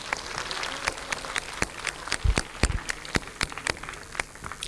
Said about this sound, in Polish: Może na rozgrzewkę brawa dla Państwa i dla nas, że dotarliście.